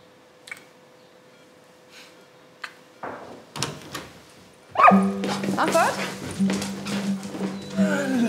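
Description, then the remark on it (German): A dog barks in short, scattered yips and woofs, first sparse and fairly quiet, then busier and louder as voices and a steady tonal hum join in. “Du hast so einen lieben Hund.”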